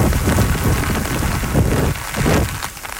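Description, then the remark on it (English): Heavy rain from Typhoon Bavi in Zhejiang province, eastern China, pours down in a loud, dense, steady roar, with low gusty surges swelling and dipping briefly near the end; wind gusts exceed 140 kilometers per hour. No one speaks. “It's bringing heavy rains and wind gusts exceeding 140 kilometers per hour.”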